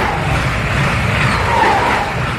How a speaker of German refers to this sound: Wenn der Zug hier vorbeifährt irgendwie, das ist für mich nicht unbedingt ein Zeichen der Hoffnung. Weil das ist eher so ein Geräusch, was irgendwie alles unterbricht. Das hat irgendwie sowas Disruptives.